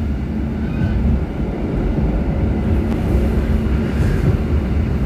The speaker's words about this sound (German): ist ein bisschen ältere Zugmodell, rüttelt noch ein bisschen. Wir fahren jetzt aus. Fast aber Wachotnia fahren wir jetzt raus.